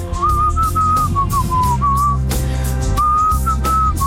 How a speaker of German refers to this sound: Bei uns jeden Morgen um die Zeit geht es darum, ein Lied zu erkennen. Heute war es Gepfeife.